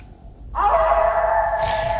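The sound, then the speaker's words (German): A single long wolf howl rises quickly after a brief quiet moment, then holds a steady, clear tone loudly, with no one talking. “Da her, in Nachtclub. Mit dem Wolf da.”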